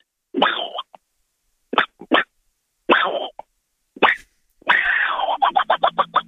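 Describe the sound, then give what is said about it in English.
A voice imitates Donald Duck sneezing: a series of raspy, nasal bursts, starting with a few separate sputters and ending in a long squawk broken into rapid stuttering pulses. “And it's good weather for ducks, so we're going with Donald Duck sneezing.”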